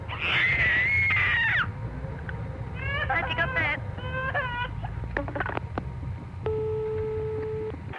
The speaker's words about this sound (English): I'll try and get my little 15-month-old daughter, who's got a terrific scream.